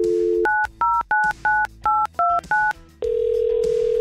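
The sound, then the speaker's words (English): A radio station, 100.7 The Wolf, dials a contest winner's phone number: seven quick touch-tone beeps in a steady rhythm, each a short two-note chirp, followed by a steady tone with a ringing line starting. No talking. “Let's call up a winner.”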